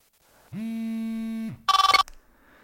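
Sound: mobile phone ringing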